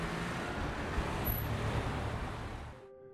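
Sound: road traffic noise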